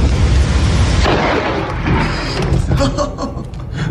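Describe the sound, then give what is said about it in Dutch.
A loud, deep thunderclap from a supercell storm at 3 a.m., amid lightning flashes, fills the whole clip with heavy low-end rumble and broad crackling noise, rolling and churning for several seconds without fading much. “En dan ook die dikke onweersklap, hè.”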